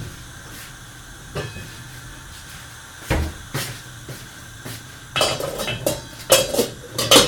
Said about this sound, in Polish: żeby całą sprawę z ryżem przyspieszyć, przykryjemy sobie pokrywką.